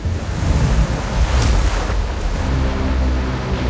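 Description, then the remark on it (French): Heavy storm surge waves from Hurricane Katrina surge and crash continuously against the levees surrounding New Orleans, a dense roar of churning water with wind buffeting underneath and a sharp splash midway. No voices. “La grosse marée de tempête que l'Amérique n'a jamais connue s'abat sur les digues qui entourent la Nouvelle-Orléans et les détruisent.”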